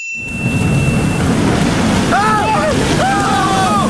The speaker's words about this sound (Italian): Che cazzo di onde ci sono? Ah, non ho mai visto una cosa simile!